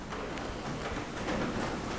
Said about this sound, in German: Der Regen plätschert leise auf das Dach, das hört man auch.